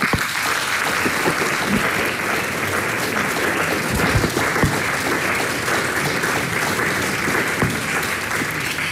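An audience at a jubilee event of the Folk Slovenija society claps steadily for several seconds, a dense, even wash of many hands with no voices standing out, holding at a constant loud level throughout.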